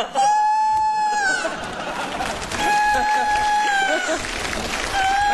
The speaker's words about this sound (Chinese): 这咋还打鸣呢？